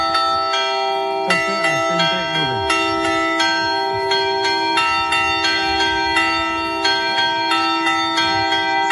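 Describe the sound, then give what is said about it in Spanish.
Church bells ring out the storm toll, called anublado, in a steady, insistent toll, loud, with bright overlapping strikes repeating roughly every half second and a long humming resonance underneath, like an alarm peal. “Ya de niño, fíjate, identificaba cada toque de campana, como por ejemplo el de tormenta, también llamado anublado.”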